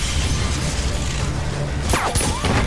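A chandelier, shot down by gunfire during a shootout in a club, crashes down and shatters, with sharp bright bursts of breaking glass near the end over a dense, noisy background din.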